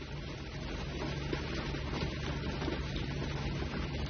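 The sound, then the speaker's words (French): A steady, dense hiss of heavy rain pours down continuously and loudly, with a low rumble underneath and no voices. “Sous une pluie folle, folle, folle.”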